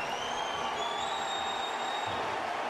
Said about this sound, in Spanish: Viene el cambio de Portland y es Valeri el que va a entrar por Van Rankin. Y escuchen este aplauso para Diego Valeri.